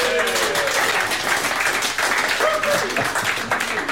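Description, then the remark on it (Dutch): Sustained applause from the studio audience of the Omroep Friesland programme PC Café, a dense steady wash of clapping filling the whole clip, with faint voices and whoops rising briefly through it. “Hebben we nou het publiek of zo in PC Café?”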